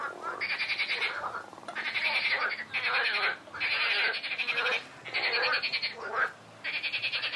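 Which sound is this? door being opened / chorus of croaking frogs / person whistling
chorus of croaking frogs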